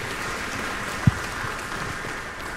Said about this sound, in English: Thank you for your patronage, thank you for your support, and thank you for being a part of Piano Cleveland. Round of applause for you.